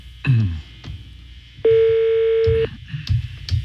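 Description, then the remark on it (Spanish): A phone line rings on an outgoing call that goes unanswered: one steady, mid-pitched ringback tone holds for about a second, loud and even, surrounded by faint clicks and low background rumble. “Sonando. Teléfono. Ahí está sonando.”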